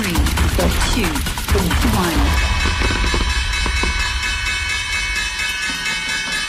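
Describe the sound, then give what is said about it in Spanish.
The stock exchange opening bell at the Bolsa de Madrid rings at noon to welcome Digi's debut, with rapid repeated strikes amid chattering voices, then its bright metallic tone lingers and hums steadily for several seconds as the striking stops. “Bueno, el estreno efectivamente en bolsa ha sido positivo, este toque de campana mítico que sirve para recibir a las compañías en la bolsa española.”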